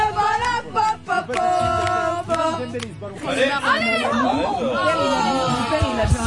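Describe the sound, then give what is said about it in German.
A group of French students in a bar at Frankfurt's train station cheering and chanting for France during the football World Cup quarter-final against Morocco, a dense, loud wash of many voices with rising, wavering shouts that swell in the second half. “Und so klingt das, wenn Les Bleus ihre Equipe anfeuern.”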